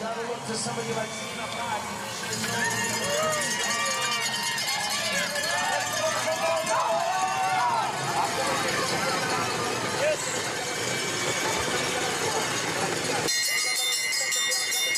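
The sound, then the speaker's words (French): A bell rung by Max Signard marks the last lap of a women's race, its bright metallic clangs repeating over a loud, steady wash of crowd noise and voices. “Voilà, on entend la cloche de ce dernier tour.”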